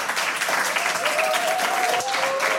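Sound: studio audience applause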